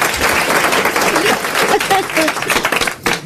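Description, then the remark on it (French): An audience applauds at the end of a comic sketch, loudly and steadily for about three seconds, a dense wash of clapping hands with a few faint voices mixed in, easing slightly at the end. “Ça y est, vous pouvez rire, vous pouvez applaudir.”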